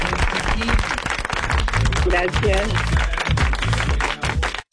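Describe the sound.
A live audience breaks into loud, sustained applause, dense clapping filling the whole stretch, with scattered voices and a few shouts rising through it before it cuts off abruptly.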